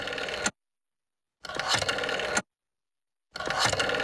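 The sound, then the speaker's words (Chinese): A telephone being dialed, in three separate bursts of busy mechanical whirring and clicking, each about a second long with silent gaps between, moderately loud. “说着，齐长鹏就抓起电话，沁了几个电话号码。”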